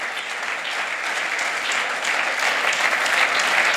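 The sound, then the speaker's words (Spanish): A church audience claps for the Lord, steadily and loudly, a dense, continuous wash of many hands that holds even throughout and swells slightly toward the end, with no voices standing out. “Alguien que aplauda al Señor.”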